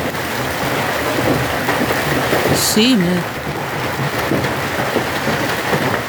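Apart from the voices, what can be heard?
heavy rain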